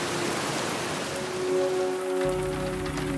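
Heavy rain during a flood pours down steadily in a dense, hissing wash with no letup, growing louder, a low rumble joining in partway through; no one speaks.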